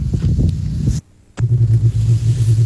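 A rally car's engine roars loudly and close at the end of a rally's first stage, cuts out briefly to near silence, then returns as a steady, throbbing drone with deep rumble.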